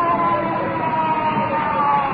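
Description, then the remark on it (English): An ambulance carrying an iron lung sounds its siren steadily and loudly for the whole stretch, a sustained, slightly muffled wail with a faint rumble of traffic or engine underneath. “Ambulance with iron lung.”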